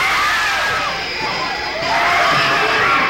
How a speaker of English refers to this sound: This is not a trick. The screams you are hearing are the actual audience reaction to a sneak preview of Visiting Hours, a film so frightening you may never recover.